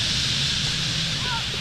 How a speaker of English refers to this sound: Before long is the dramatic whistle and rush, the stage of the nightly roost when birds dive into the trees, and you can hear thousands of wings cutting through the air just above your head. Look how fast they're going into those trees.